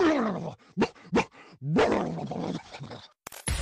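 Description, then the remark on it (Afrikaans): A person loudly imitates a dog, starting with a drawn-out bark, then two quick sharp yaps, then a longer rough, growling bark, with no talking. “And when you are onseker, blaf.”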